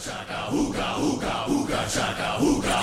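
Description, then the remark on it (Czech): A group of voices chants a rhythmic 'ooga-chaka' refrain in repeated pulses, loud, over a steady musical backing with no speech, played as summer music on Kiss radio. “Mám Huga Chaka Huga Huga. Huga Chaka Huga Huga.”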